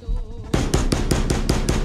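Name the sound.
knocking on a door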